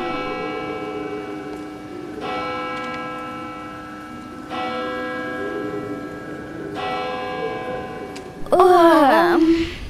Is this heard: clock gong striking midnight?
yes